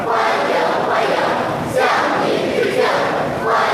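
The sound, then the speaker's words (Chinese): A large crowd of young people cheers and shouts enthusiastically in a sustained, loud roar, swelling in rhythmic waves as if chanting together, with no individual speech standing out. They are lined along both sides of the road outside the north gate of the Great Hall of the People. “人民大会堂北门外，礼宾分列道路两侧，青少年热情欢呼致意。”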